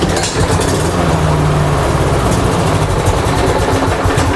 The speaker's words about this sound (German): Auch in Freitagabend, wo wir vielleicht gedacht haben, ja, wäre gerade noch schnell gut, um noch daheim geschwind den Rasen mähen. Wenn dann aber der Rasenmäher eher so tönt.